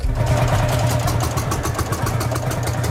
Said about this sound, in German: auf ihre mitunter fast 80 Jahre alten Trecker gestiegen sind, um im Schneckentempo Richtung Osten zu tuckern